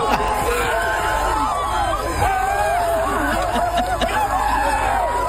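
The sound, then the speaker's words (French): Members of a bagpipe band of more than 35 people shout and cheer joyfully, many excited voices overlapping in a steady, loud babble with bursts of laughter and rising, wavering cries throughout, at a gathering of about 8,000 bagpipe and drum players. “On va les entendre encore un petit peu crier.”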